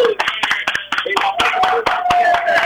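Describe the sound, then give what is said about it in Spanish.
Loud, steady applause at a gathering in Tucson marking 1,000 pairs collected, with many sharp, irregular hand claps overlapping, while voices cheer and call out over the clapping throughout. “¡Aplausos!”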